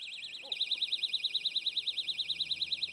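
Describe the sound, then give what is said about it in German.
A personal safety alarm, being tested for loudness, shrieks with a piercing, rapidly warbling high-pitched tone that starts abruptly after a brief pause and continues loud and steady to the end, with no talking. “Kriterium 2, Lautstärke. Sing mal. Ist der lauteste Alarm automatisch der beste?”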